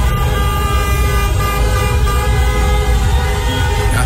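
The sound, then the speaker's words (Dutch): Car horns honk continuously in a busy street in Rotterdam, where Cape Verdeans celebrate Cape Verde's 2-2 equaliser against Uruguay. Long overlapping blasts are layered over the rumble of traffic, loud with no pauses. “Getoeter daar op straat”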